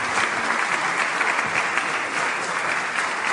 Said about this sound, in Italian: vorrei dare la parola in questo momento a una donna di grande impegno e tenacia che ha reso possibile tutto questo, che vi prego di accogliere con un grande applauso, la responsabile nazionale di CNA Impresa Donna